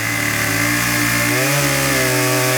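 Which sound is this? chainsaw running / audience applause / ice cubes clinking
chainsaw running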